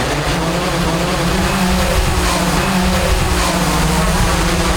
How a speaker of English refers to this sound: It's a new drone delivery service being trialled in Darlington, the first place outside the US. Amazon has become the first retailer in the UK to start a drone delivery service with a limited launch in Darlington,